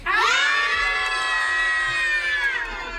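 A group of children from the RIMPA holiday programme, visiting the Gong studio, scream loudly together on cue in one sustained, high-pitched shout lasting about three seconds, rising quickly at the start and holding steady before tapering off.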